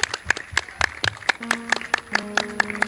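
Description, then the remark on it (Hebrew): An audience at a taping of the show 'The New Voice' in Holon claps along in steady unison, sharp evenly spaced beats repeating roughly four times a second, with a sustained musical tone humming faintly underneath. “חולון כפיים פה קצת, מה קורה?”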